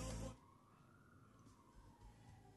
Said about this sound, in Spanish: Che, se siente la ambulancia para acá en el centro, ¿eh?